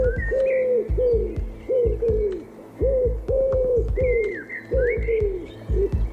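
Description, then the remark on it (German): A pigeon coos over and over in a steady, throaty rhythm of low rounded notes, with faint higher bird chirps flickering above. No one speaks. “Oh, du hast taubisch gesprochen.”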